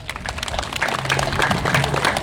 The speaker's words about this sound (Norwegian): Vi gir en applaus til den loven.